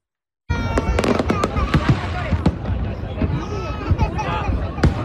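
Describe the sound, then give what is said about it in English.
Rapid fireworks bangs and crackles burst repeatedly over a noisy, crowded outdoor scene at a July 4th fireworks show at the Brooklyn Bridge in New York City, with sharp loud pops mixed among booms and a murmur of people in the background. “Multiple small fires set off plumes of smoke during a fireworks show there.”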